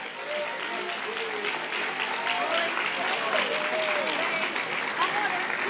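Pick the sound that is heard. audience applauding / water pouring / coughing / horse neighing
audience applauding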